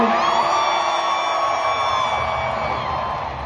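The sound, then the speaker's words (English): A large crowd cheers and whoops loudly and continuously as a band is introduced, a dense roar of voices with scattered yells rising above it, steady throughout with no pauses. “To have that excitement, to have that kind of crowd, I mean, it's going to do nothing but pour gasoline on any kind of creative force, I think.”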